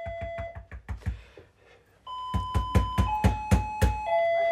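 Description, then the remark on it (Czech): A doorbell rings insistently in rapid repeated bursts, a quick run of sharp electronic rings, a short pause, then a longer steady series of tones sounding loud with no voices. “Ale tak přece slyším, že někdo zvoní, ne?”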